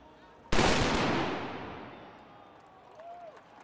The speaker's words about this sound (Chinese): 闭幕仪式现场，约60名身穿巴伐利亚传统服饰的男女站在巴伐利亚雕像的台阶上，两旁有人手持旗帜，身着传统装束的男子接连鸣响黑火药枪，以隆重的仪式宣告本届盛会结束。